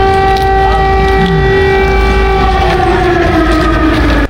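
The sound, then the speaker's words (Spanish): Loud air raid alarms in Kiev, Ukraine, during German Chancellor Friedrich Merz's visit, wail with a steady, sustained multi-toned pitch over low rumbling noise, holding for several seconds before the tone dips slightly and cuts off at the end. “Y con el sonido de fondo de las alarmas, el canciller alemán Friedrich Merz en Kiev.”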